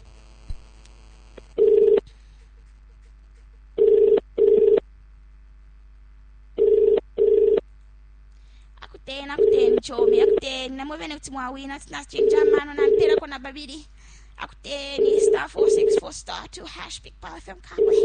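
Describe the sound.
A telephone ringing tone repeats in steady double pulses, clear and fairly loud; partway through, people begin talking over it while the paired rings keep sounding.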